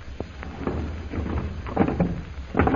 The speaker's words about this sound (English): We'd better close this door again, Kolo.